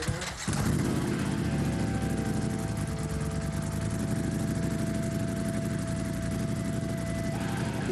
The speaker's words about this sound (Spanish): Venga, hacemos un alto del camino y vienen las motos.